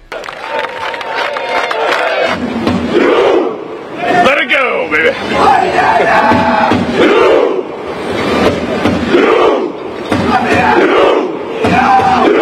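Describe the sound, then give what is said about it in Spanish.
A huge crowd of Norwegian fans cheers and chants in the streets of Miami, a dense, continuous roar of many voices with rising shouts and surges that stays loud throughout. “Es que es un mar de personas en las calles de Miami.”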